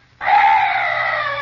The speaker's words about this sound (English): What's that? Oh, some night birds. Yes, that's all.